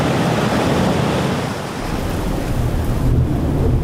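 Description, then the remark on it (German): Wild, stormy sea waves, whipped metres high by strong wind, crash and churn in a steady, loud roar, with gusting wind and a deep low rumble underneath throughout; no voices. “Aber es braucht nur etwas starken Wind und zack sind die Wellen wild und meterhoch.”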